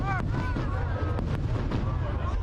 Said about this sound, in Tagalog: in grand fireworks display, ipinagdiwang ng Amerika ang ika-250th anniversary ng kalayaan nito.